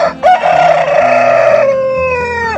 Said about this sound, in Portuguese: Enquanto este galo canta,